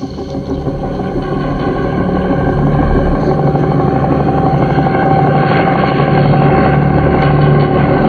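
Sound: helicopter rotor and engine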